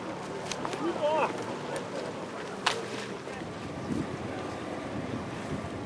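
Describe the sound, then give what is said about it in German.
Two steady outboard motors drone on the Elbe river, helping to brake a raft, amid wind buffeting the microphone, with a sharp knock near the middle and faint, indistinct voices in the background. “Sie halfen als kleinen Ersatz der Marco Polo, um das Floß auf der Elbe auszubremsen, gemeinsam mit unseren beiden Außenbordmotoren.”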